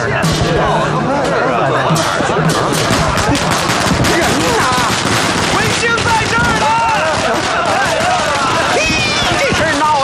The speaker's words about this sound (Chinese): 放鞭炮，放鞭炮！